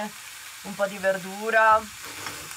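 Eggs, potatoes and bacon sizzle in a frying pan in a tiny wooden hut on an alpine pasture, with a steady hiss, while a brief voice-like tonal sound rises over it partway through.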